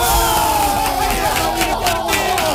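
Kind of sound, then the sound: crowd, crowd cheering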